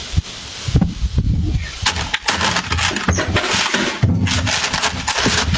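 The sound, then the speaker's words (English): Crinkly crumpling of a package on a porch as a Canada Post worker in St. Catharines spots it, heard as a steady run of rough, papery rustles broken by sharp irregular crackles, with low muffled thumps underneath throughout. “Now, that crumple you hear is the Canada Post worker spotting.”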